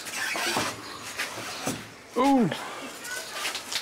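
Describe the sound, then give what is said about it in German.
A door is let go and swings closed with a brief, rising-and-falling hinge squeal, surrounded by a few soft knocks and steady background noise. “Ja, dann lass ich los, ja? Ja. Okay. Lass ich die Tür.”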